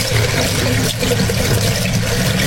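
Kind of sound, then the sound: household object, water running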